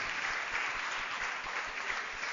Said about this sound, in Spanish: Dale un fuerte aplauso.